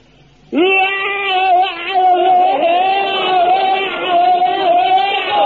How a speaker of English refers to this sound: Now, when it comes to bayonet drill, very important thing to remember is your scream. Now, the scream is the thing that really puts the wind up the enemy. Now, you fill your lungs up with air and let it out like this.